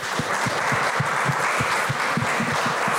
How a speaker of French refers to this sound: Allez-y, applaudissez, hein, vous pouvez.